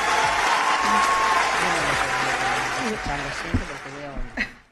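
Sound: audience applause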